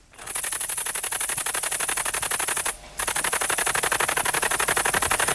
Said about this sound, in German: Hört sich an wie eine rasante Schreibmaschine, ist aber eine große grüne Laubheuschrecke.